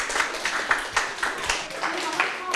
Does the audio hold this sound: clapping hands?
yes